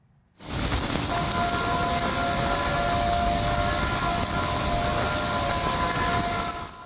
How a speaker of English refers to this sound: You can hear the sirens there in that video, which was sent to us from Howdy's Restaurant Bar and Chill in Kerrville in Texas.